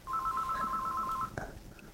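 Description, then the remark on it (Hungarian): A telephone rings with a steady electronic warble lasting just over a second, followed by a brief click or clunk as it is picked up, with faint background noise. “És itt a telefon.”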